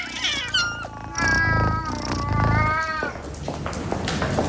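A male cat meows loudly, a series of drawn-out, wavering cries running together with rising and falling pitch, almost a caterwaul, with no talking over it.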